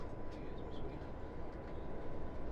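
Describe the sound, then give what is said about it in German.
A steady, loud rumble of a train rolling along rails, heard from inside, with continuous low-frequency roar and faint rattling throughout, no voices. “Im Zug findet sie Ruhe, Zeit, Partituren zu üben.”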